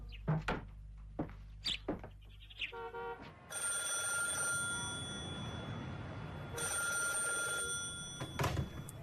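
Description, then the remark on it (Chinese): A few sharp knocks and clicks, then a telephone bell rings loudly in two long, sustained bursts separated by a brief pause, with no voices. “哎，好吧，我去打电话。”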